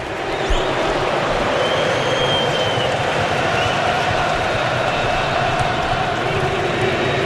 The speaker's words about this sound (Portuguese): Canta o torcedor marroquino, que é a minoria no estádio. Ouça em Houston, ouça.